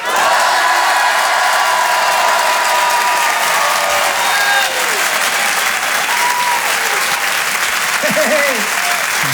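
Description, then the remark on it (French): An audience, shouting on cue after a count to three while being filmed for a video, bursts into loud, sustained cheering and shouting mixed with clapping, holding steady for about nine seconds, with scattered high whoops rising out of the roar toward the end. “Attention, je prends une vidéo de vous, vous allez tous crier, je la mettrai sur Facebook.”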